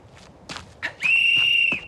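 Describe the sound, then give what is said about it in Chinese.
A single long, shrill whistle blast rings out loud and steady for nearly a second, following a few brief shuffling, rustling noises. The whistle is blown as the signal before explosive charges are set off. “那好，吹哨子。”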